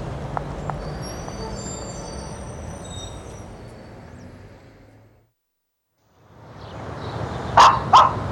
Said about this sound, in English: Would you shut that dog up before we're all caught? I'd lock her up in the house.